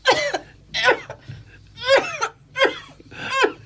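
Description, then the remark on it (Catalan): A woman's violent coughing fit, five harsh, rasping coughs in quick succession with brief gasps between them, loud, with no talking; she covers her mouth with a handkerchief. “De cop, una fuetada de tos violenta.”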